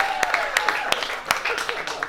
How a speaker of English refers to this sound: I think women like a guy who can dance, right? Women like a guy who can dance, right? Yeah. Clap it up if you agree, ladies. Like a guy who can dance.